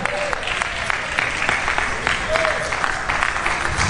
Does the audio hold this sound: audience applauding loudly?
yes